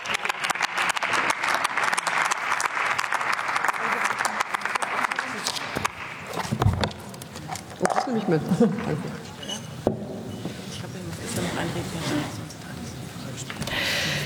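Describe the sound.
Steady applause from many hands fills the hall, a dense crackling wash that gradually thins, with a few voices and murmurs coming through as the clapping fades.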